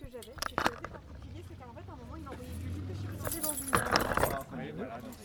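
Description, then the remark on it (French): The car keys of a 1985 BMW 320i jangle and clink in a few bright bursts as the engine is about to be started, while people talk over them and a low engine-like rumble hums underneath. “T'as les clés là ou pas pour allumer le moteur pour voir pour écouter le bruit ?”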